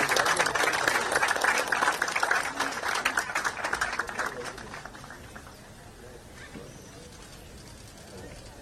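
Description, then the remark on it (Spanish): An audience applauds at an event for Paso Llobar in Guairá department, after thanks to the president. Dense, crackling clapping is loud for the first few seconds, then thins and fades to a softer patter toward the end. “Los aplausos, señoras y señores”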